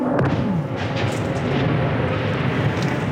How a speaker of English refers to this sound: And that was a Russian drone strike not too far away. I recorded that on my phone. These jet-powered drones move very fast.